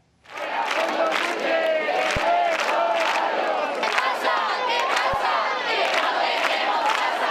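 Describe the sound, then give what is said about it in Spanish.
Dozens of activists protesting Spain's housing crisis overnight in the Puerta del Sol, Madrid, chant and shout together in a loud, sustained roar, voices rising in rhythmic bursts with occasional sharper calls over the steady din. “Y decenas de activistas pasaron la noche en la emblemática Puerta del Sol de Madrid protestando por la crisis de vivienda que afecta a España.”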